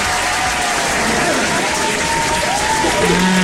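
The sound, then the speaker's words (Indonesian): A crowd claps steadily and loudly for the whole stretch, a dense, even patter of many hands, with a few raised voices and whoops rising through it near the end. “Jangan nak tepuk tangan.”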